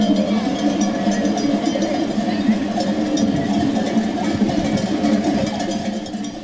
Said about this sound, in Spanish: Un gran rebaño de ovejas transitaba desde antes de las 8 de la mañana por diversas calles de Huesca, llamando la atención de transeúntes y conductores.